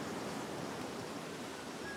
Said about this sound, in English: That waterfall.